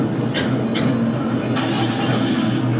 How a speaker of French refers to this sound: Vous montez dans un bus.